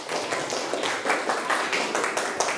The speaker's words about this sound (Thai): ถ้าพร้อมแล้วขอเสียงปรบมือให้กลุ่มที่1ก่อนเลย